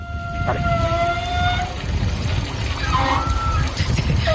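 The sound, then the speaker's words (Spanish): Wide water pipes serving many gym showers hum, whine and vibrate as hot water runs through them: steady, siren-like tones that hold, drop away, then return at a different pitch over a constant low rumble of rushing water. “No, de los gimnasios, como tienen muchas duchas, las tuberías son más anchas. Entonces cuando empieza a pasar el agua caliente, supongo que vibrará o hará algo del estilo y hace un sonido parecido.”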